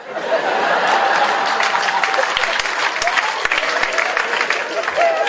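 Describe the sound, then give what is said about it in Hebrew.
Steady, dense audience applause for several seconds, with scattered laughter and crowd murmurs mixed in, loud throughout. “אמרתי, אני גם רוצה, אבל אין לי מקום לשים שורה שלמה, כפיים, כפיים.”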